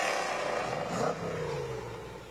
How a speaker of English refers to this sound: There's Riley Bay and his 65 Cobra. Sounds good.